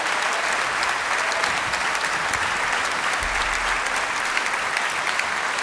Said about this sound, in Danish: Ja, mine damer og herrer, giv dem lige et ekstra bifald.